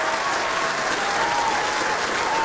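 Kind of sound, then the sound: crowd, applause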